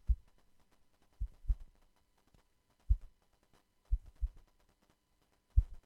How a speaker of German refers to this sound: Also zuerst würde ich an den Herzschlag denken, der gezeigt werden soll. Ja, also ich habe hier mein Mikrofasertuch genommen und quasi so auf Spannung gezupft.